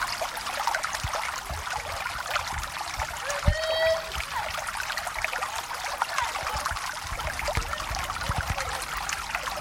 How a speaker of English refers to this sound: Water gathers, pours and splashes upon the ground.